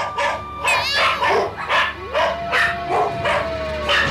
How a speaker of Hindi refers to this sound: शांत हो जाओ चंद्र चंडी। कुत्तों का भौंकना रुक जाता है।